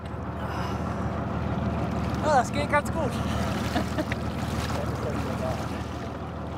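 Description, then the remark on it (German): The boat's owner hauls himself out of the water and back aboard a Venetian water taxi in Kiel, as the last act of its technical acceptance test. Splashing and dripping play over a steady rush of water and wind, while a man briefly speaks. “Mann über Bord. Löst doch mal nicht auf. Der Eigner opfert sich selbst. Und? Kommt er problemlos wieder zurück ins Boot?”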